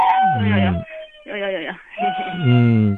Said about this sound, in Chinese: 你这个小孩在吵，咱也不行。咱们节目当中这小孩哭影响节目进程啊。